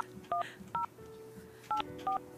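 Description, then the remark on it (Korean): Four short electronic keypad beeps from a phone being dialed as a radio host places a call on air during a broadcast, each a crisp two-tone chirp spaced unevenly apart, over a faint steady hum with no talking. “시간이 얼마 남지 않았지만 전화를 한번 해볼게요.”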